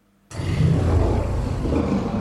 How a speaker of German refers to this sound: Das klingt nicht gut. Da hat jemand, glaube ich, Hunger, oder? Das ist ein T-Rex. Ein Tyrannosaurus Rex.